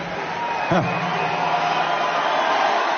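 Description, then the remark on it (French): A packed crowd of over 10,000 at a Jean-Luc Mélenchon presidential campaign rally at the Zénith in Clermont-Ferrand, France, cheers in a dense, steady roar of many voices, with one brief rising whoop cutting through early on before the din carries on unbroken. “Face à une foule incandescente, Jean-Luc Mélenchon évoque la crise des lycées.”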